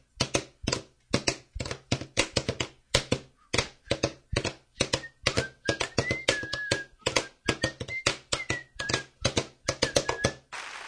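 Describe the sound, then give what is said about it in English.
Drumsticks tap steadily on a drum practice pad during practice, in a quick, uneven rhythm of sharp clicks, clear for about eleven seconds, with a faint tone drifting through the middle. “I see you have been practicing with your practice pad drums.”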